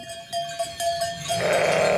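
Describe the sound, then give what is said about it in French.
A ewe at a farm making sheep's-milk tomme lets out a loud, drawn-out bleat that starts partway through and carries to the end, with a few quieter, thin tonal sounds beforehand and no talking. “Elle nous dit au revoir.”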